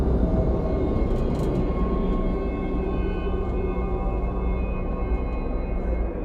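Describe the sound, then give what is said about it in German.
A steady, heavy roar of airplane engines, with a deep rumble and faint whining tones holding evenly throughout, as aircraft take off and land far away. No one speaks. “Weit hinter dir sah ich Flugzeuge starten und landen.”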